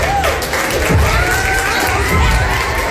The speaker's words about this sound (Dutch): Ik vind het ook zo erg, die mensen borrelen gewoon verder of zo. Hoor je al dat geroezemoes?